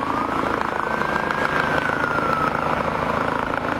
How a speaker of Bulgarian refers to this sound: Пристигна и въздушна линейка.